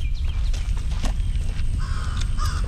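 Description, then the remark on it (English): A bird gives a few short, harsh calls over steady low outdoor rumble, the calls rising briefly above the background noise as it flies by. “I guess one thing we can talk about is this bird has flown by and made itself known.”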